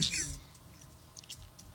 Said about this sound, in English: What are you munching on?